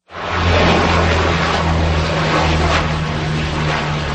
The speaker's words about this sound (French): La lutte contre le feu vient entre autres du ciel. Des avions, dont des canadaires, effectuent des largages sur de larges zones.